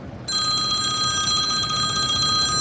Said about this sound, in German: Fast gäng läutet sein Telefon.